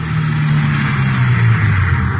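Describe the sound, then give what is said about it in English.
A car engine hums steadily from inside a moving vehicle as police drive out to an address, a bungalow in the West Hollywood area: a low continuous drone with slight shifts in pitch and a faint road rumble, fairly loud and without any voices. “3:15 p.m., together with Sergeants Ullery and Bryant and 2 men from Metro Squad, we drove out to the address given us by Fred Norris.”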